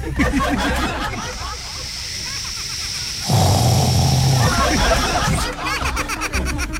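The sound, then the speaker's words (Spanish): A voice imitates a running shower with a sustained hissing, spraying sound that swells louder partway through, then fades, with scattered laughter and chatter from a group around it. “¿Cómo suena una ducha?”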